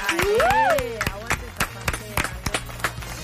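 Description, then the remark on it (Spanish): A small group gives live applause at the opening of the radio programme Almagro Obrero of the Asamblea de la Plaza Almagro in Buenos Aires. The applause comes in scattered, uneven bursts after a rising and falling cheer or whoop at the start, with a steady low hum underneath. “Bienvenidas y bienvenidos a Almagro Obrero, el aperitivo anticorchazo, el programa de radio de la Asamblea de la Plaza Almagro, y este es un aplauso en vivo.”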